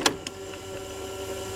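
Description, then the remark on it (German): A cassette tape is pushed into an old 1984 Walkman: two sharp plastic clicks in quick succession, followed by a low, steady mechanical whir that continues to the end. No one speaks. “So, wir schieben mal wieder ein Tape rein und gucken, ob ihr erkennt, welcher Song gesucht ist.”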